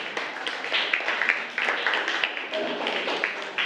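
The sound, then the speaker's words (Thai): A group of students claps together for group 2 in a dense, steady patter of quick overlapping slaps, holding at an even moderate loudness for several seconds without fading. “เก่งมากปรบมือให้กลุ่ม2ค่ะ”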